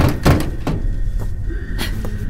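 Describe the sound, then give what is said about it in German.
Footsteps on an ordinary hard floor rather than metal grating, five or so dull thuds at an uneven walking pace, over a steady low background hum with no voices. “Die Schritte hier bewusst normal gewählt, nicht das typische Gitter, was man immer so hört in solchen Raumschifffilmen.”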